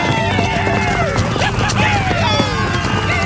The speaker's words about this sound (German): Die Comanchen stürmen mit Pferden in die Stadt und schießen ihre Pfeile ab.